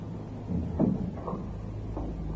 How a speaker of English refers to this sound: No, thank you. Just shut the door.